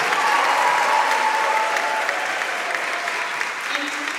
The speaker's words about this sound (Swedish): Jubel och applåder, Gina Lindberg, radions korrespondent i Washington. Vad är det vi hör? Ja, det här är ett medborgarmöte som jag var på här i Washington här om kvällen. Ett möte som hölls i en kyrka här i Washington. Luther Place heter kyrkan,